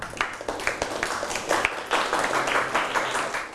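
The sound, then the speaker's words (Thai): Students in a classroom applaud a classmate's handwriting work, a dense patter of many hands clapping at once, steady and fairly loud for a few seconds with no voices standing out. “สะอาดเรียบร้อยสวยงามเป็นตัวอย่างที่ดีได้ปรบมือให้เพื่อนหน่อยครับ”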